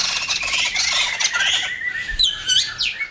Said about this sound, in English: Have you ever listened to the birds and wondered, how do they come up with all those different songs?